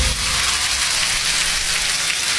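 A crowd applauds steadily, a dense, hissing wash of many hands clapping at once, loud and even throughout with no voices over it.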